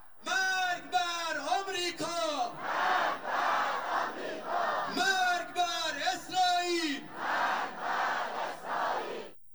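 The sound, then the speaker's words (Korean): A large crowd chants in unison at the Iran national football team's send-off ceremony in a Tehran square, which had the atmosphere of a pro-war rally: loud rhythmic shouted phrases repeating in waves with brief swells of cheering between them, steady and forceful throughout. “앞서 테헤란 광장에서 열린 대표팀 출정식은 전쟁 지지 집회 분위기였습니다.”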